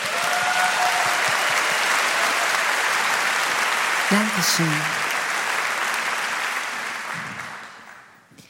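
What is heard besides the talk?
audience applause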